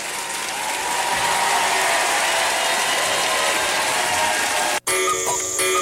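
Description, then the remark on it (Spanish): Loud, dense applause from a large crowd fills the air steadily for several seconds, then cuts off abruptly and gives way to a brief, different-sounding burst. “fuerte aplauso.”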